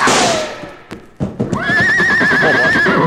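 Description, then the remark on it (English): A horse whinnies loudly with a long, wavering neigh, while hooves clop and thud rhythmically underneath, with a few scattered knocks just before the call. “Well, this horse is safe now, and that means you stand to lose a fortune.”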